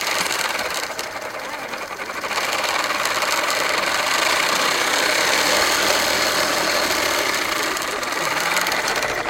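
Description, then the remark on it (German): A bicycle-powered smoothie blender, set in a small table on the bicycle, whirs steadily for several seconds while making smoothies from fruit in a cup, a loud, dense mechanical buzz with a rattling hum that swells slightly after the first couple of seconds and then holds level. “Dieses Fahrrad hat so einen kleinen Tisch und da im Tisch ist so eine Smoothie-Maschine.”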